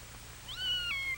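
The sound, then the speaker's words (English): A single drawn-out meow from Anna the cat, rising then gently falling in pitch, clear over a faint low background hum, with no talking. “He makes friends with Anna the cat.”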